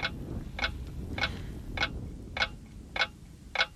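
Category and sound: household object, clock ticking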